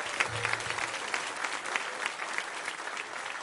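A church audience applauds steadily to welcome a preacher, a dense wash of many hands clapping at an even, moderate level with no voices standing out.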